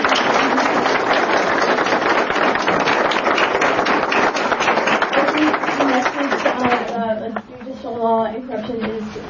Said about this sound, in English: thank you so much for your speech. If we could all give her a round of applause.